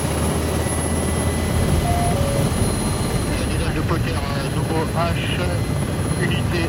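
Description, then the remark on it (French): A Tigre military attack helicopter taking off over rapeseed fields in Haute-Marne, France, in a real-conditions manoeuvre: hovering, then sharp acceleration and a tight turn. Its rotor and engine roar loud and steady throughout, with faint voices briefly audible beneath the din. “décollage au-dessus des champs de colza de la Haute-Marne. La manœuvre se fait en conditions réelles, phase stationnaire, suspendue dans le vide, puis accélération brutale et virage serré.”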